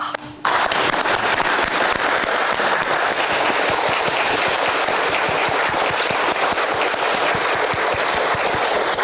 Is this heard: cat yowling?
no